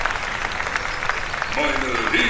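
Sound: thunderous applause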